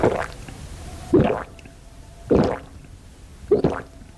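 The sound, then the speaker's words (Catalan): Someone gulps down water eagerly in hot weather, with four wet, squishy swallows spaced about a second apart, fairly loud, with no talking. “Així, amb ganes, és com hem de beure aigua aquestes setmanes en les quals, sense adonar-nos-en, se'ns evapora la hidratació corporal.”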